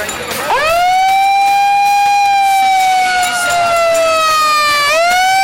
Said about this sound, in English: There you go. Got a siren on it.